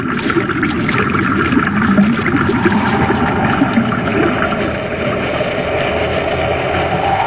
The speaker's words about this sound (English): Commander, look at the water level against the wall of the shaft. Looks like it's rising. You're right, Hap. That pipe isn't drawing water out, it's forcing it in. Someone reversed the pumps.